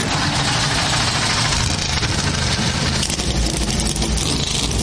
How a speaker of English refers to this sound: Drivers, start your engines!